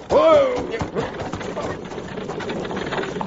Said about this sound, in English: you see that buckboard coming toward us lickety-split? Yes, I do. If I know anything about horses, that team's running away.